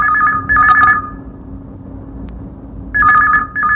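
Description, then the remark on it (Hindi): A telephone rings with an incoming listener's call to a radio phone-in request programme: two bursts of warbling electronic trill separated by a short pause, loud over a faint low hum, with no one talking. “तो चलिए इस सिलसिले को शुरू करते हुए सुनते हैं कि हमारे किस श्रोता का फोन हमें सबसे पहले मिला है।”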